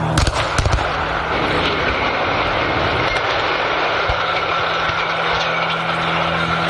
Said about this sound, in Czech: České radiokomunikace dnes nechali odstřelit 2 stožáry vysílače v Liblicích u Českého Brodu. Oba stožáry se zřítily současně na pole směrem ke Kolínu. Měřili 355 metrů a byly skoro 50 let nejvyšší stavbou v České republice.